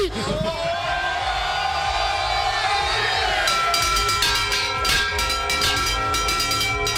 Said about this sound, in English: Okay. You're probably saying to yourself, that sounds like more than one bell. Well, that's because it was more than one bell. The guys were all up top on the lighthouse,